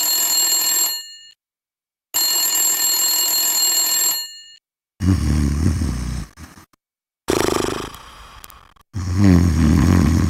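A telephone rings in two long, clear, steady bursts separated by a short pause, followed by several low, rough, rasping sounds like heavy snoring or groaning.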